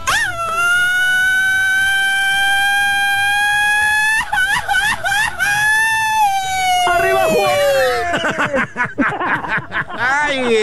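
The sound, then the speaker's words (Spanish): A long, loud, sustained shout held on one high pitch that slowly rises, then wavers and bends before breaking into choppy, strained cries as the breath runs out. “Oye, dame la revancha para el grito, amigo.”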